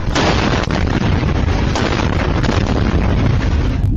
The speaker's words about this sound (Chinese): 凌晨1点多，台南市安南区一住宅区突发爆炸，目击民众赶紧逃窜，现场爆炸声响不断，还多次炸出絮状云。